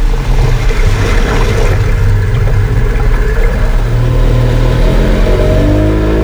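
A motorboat engine drones loud and close as the boat approaches, a steady low rumble whose pitch climbs toward the end as it revs. No voices, just the continuous motor noise.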